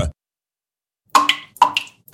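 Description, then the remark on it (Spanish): After a moment of silence, water drips from a leak in three bright, watery plinks, about half a second apart. Each drop rings briefly with a clear pitched tone. “¿Oyes eso? Es una gotera.”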